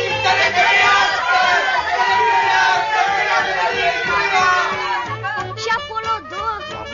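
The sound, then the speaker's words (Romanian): A crowd of some 40 onlookers in the streets of Saint-Louis shouts together in a loud, dense roar of many voices, with overlapping cries rising and falling steadily, turning into more scattered yells near the end. “La care adunați în cor o 40 de gură cască, strigară în cor.”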